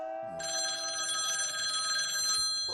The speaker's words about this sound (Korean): 무슨 전화야?